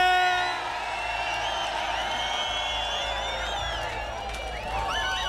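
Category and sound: crowd, crowd cheering and whooping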